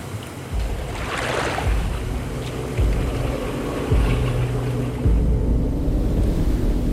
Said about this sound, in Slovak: Tam dole na rieke sa čosi pohlo. Noc je síce tmavá, ale mám pocit, ako by rieka šumela inak. Clivo, nepokojne.